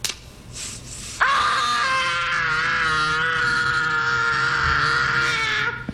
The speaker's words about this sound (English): I will play the scream, and you got to identify the character or the movie.